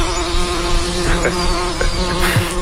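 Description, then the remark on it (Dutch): Bees, of the kind searched for along dikes in field research, buzz steadily in a dense, continuous drone, with individual insects swelling louder as they fly past. There is no talking, only the layered humming throughout. “Jij bent juist allerlei dijken afgestruind op zoek naar die bijen, want dat hoort natuurlijk.”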